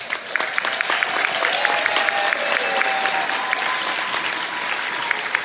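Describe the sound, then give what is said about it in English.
An audience applauds the staffs of the NFB's training centers for blind students, clapping steadily for several seconds, a dense, even wash of many hands clapping at a fairly loud level, with no one speaking over it. “Our centers have the best staffs in the world, and we applaud them.”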